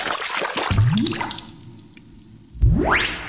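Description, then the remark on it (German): Water splashes and sloshes as someone dives into a bathtub, going under to the bottom, followed by two rising, bubbly gurgles, the second louder and sharper. No one speaks. “Kali ist in der Badewanne getaucht.”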